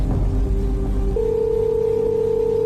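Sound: telephone ringing tone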